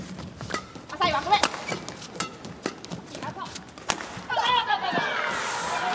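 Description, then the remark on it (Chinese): A series of sharp, crisp badminton racket strikes on a shuttlecock during a rally, with one overly hard smash among several quick hits in an irregular rhythm, heard over crowd voices and people talking in the background. “这拍球杀得太重了。”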